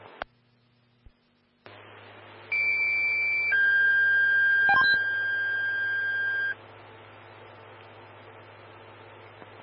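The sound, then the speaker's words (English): A fire dispatch paging signal over radio static, alerting Evergreen Fire Station 2, Engine 131, to a gas leak: a short steady tone, then a longer lower tone lasting about three seconds, loud and clear, with squelch clicks before and hiss after. “Five more tones on a gas leak.”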